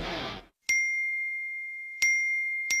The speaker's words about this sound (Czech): Čekaj, čekaj, eksplodirat će mi telefon. Svi mi nešto javljaju.